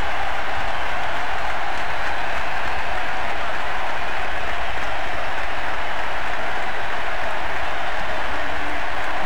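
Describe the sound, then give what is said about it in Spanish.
A large crowd at a football stadium applauds continuously, joined by those on the pitch, a dense, steady wash of clapping that stays loud and even throughout, with no individual voices standing out. “Silencio, aplauden los que están adentro de la cancha.”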